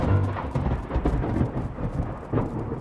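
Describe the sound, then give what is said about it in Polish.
Deep thunder rumbles steadily and loudly through the whole stretch, with a few sharper cracks rising out of the roll and a hiss of rain underneath. No voices. “Dlatego fajnie jest siedzieć w łazience bez okien na gruzie, z łbem przykrytym kocem, gdy na zewnątrz walą pioruny i szeptać odejdź, odejdź.”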